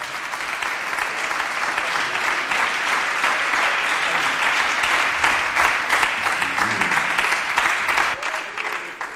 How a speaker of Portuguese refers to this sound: As palmas são fortes para Jesus.